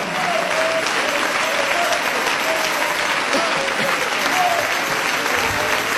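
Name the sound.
audience applauding in praise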